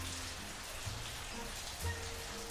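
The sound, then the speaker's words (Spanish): Steady rain falling outside during a storm, a dense continuous hiss of drops with no voices, holding an even, moderate level throughout with a few low rumbling thumps mixed in. “Uy, qué tormenta se viene. Está lloviendo por allá. Acá sí, acá se largó hace un ratito.”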